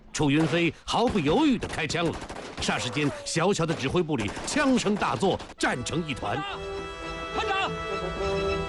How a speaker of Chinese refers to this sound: 楚云飞毫不犹豫地开枪了，霎时间，小小的指挥部里枪声大作，战成一团